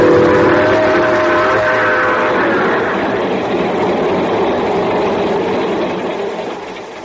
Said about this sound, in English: sitting in the observation car of the train just pulling off for Palo Alto, California.